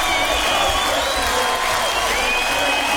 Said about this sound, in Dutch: Wat een applaus.